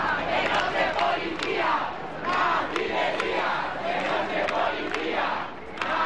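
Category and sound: crowd, protesters shouting at police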